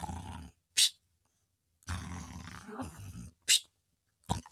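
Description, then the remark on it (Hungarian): An old sailor snoring loudly on the deck of a ship: deep, rattling rumbles alternate with short, sharp whistling snorts, repeating unevenly over a few seconds with brief silences between, and no talking. “Öreg tengerész hortyogott a fedélzeten.”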